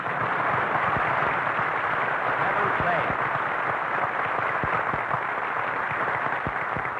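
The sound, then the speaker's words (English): Steady, dense applause from a studio audience greeting Jack Benny as he is introduced on the season's last program, a thick wash of many hands clapping at constant loudness for several seconds, with sharper individual claps poking through. “Never mind, Jack Benny, applause.”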